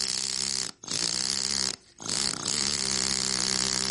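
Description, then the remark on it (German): A compressed-air hammer chatters loudly and continuously against gravestone stone, a harsh buzzing rattle that stops briefly twice before starting up again. No voices are heard. “Heute wird der Hammer mit Pressluft betrieben.”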